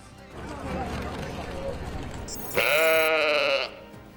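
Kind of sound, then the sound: animal, sheep bleating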